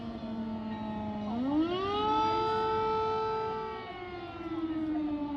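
An air raid siren in Kyiv, Ukraine wails steadily, its tone rising sharply in pitch partway through, then holding a loud, sustained drone with rich overtones before beginning to sag again. No one speaks.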